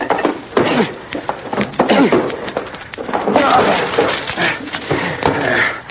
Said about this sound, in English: The door to the room where he had all of this electrical equipment was locked, and we had to break it down. The door's locked, son. I'll have to break it in. Here, Dad, let me help.